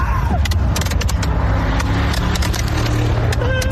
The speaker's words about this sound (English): Would you like to know what that is? That's a bunch of kids on the back of a pickup truck firing fireworks into the Chelan area and at other motorists, by the way.